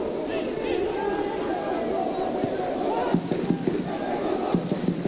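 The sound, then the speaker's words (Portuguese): A dense roar of a football stadium crowd at a Portuguese Primeira Liga match involving Estoril Praia, around the 38th minute, steady and loud throughout, with chanting voices and bursts of rhythmic clapping or drumming rising near the end. “Grande ambiente.”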